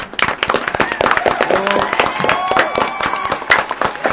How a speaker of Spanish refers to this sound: ¿Eh? Un fuerte aplauso para despedirse.